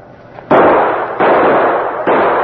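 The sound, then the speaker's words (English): Three loud gunshots blast in quick succession, each sharp crack trailing into a long, echoing roar that barely fades before the next shot. No voices are heard. The shots are fired to shoot a lock off so a door can be broken in. “Shoot the lock off and let's bust in.”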